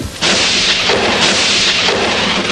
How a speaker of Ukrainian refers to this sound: Ой, як яскраво спалахнула блискавка.